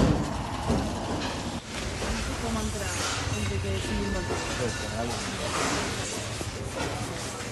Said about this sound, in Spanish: Chatarrería en el barrio de Poblenou, Barcelona.